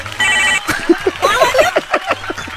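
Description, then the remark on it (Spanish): A telephone rings at the La Qué Buena 97.1 radio station with a short, bright electronic tone, quickly followed by a busy flurry of warbling, chirping sounds over a low hum, fairly loud. “Y hasta vergüenza me da que suene el teléfono, carnal.”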